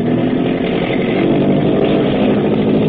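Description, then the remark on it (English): A motor boat engine roars as the throttle is opened up at nightfall in deep water, a loud, steady, rumbling drone with a gritty buzz that holds without a break for the whole stretch. No voices. “The Long Tom up ahead digs her stern down and begins throwing up a bow watch. Hackett is opening up.”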